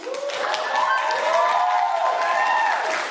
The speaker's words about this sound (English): Meanwhile, there's a whole bunch of white people in the audience applauding her.